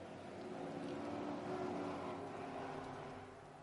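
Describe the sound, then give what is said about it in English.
A dense, steady roar of V8 Mustang race car engines at the green-flag start of a Mustang Challenge North America race, swelling slightly in the middle before easing off, with no voices over it. “And there are the sound of the V8s.”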